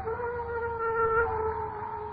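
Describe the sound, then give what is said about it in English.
A dog lets out a long, sustained howl, holding a steady, slightly wavering pitch for a couple of seconds over a low background rumble, with no one talking. “Dogs howl when ghosts walk.”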